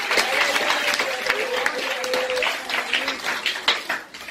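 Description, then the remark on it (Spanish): Sustained applause from an audience as praise to the Lord, a dense wash of many hands clapping steadily, with a few voices and a faint held tone mixed underneath. “Con ese aplauso y alabanza al Señor.”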